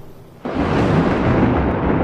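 A sudden loud crack of thunder breaks after a brief quiet moment, swelling into a dense, sustained rumble that stays loud until the end, with no one speaking.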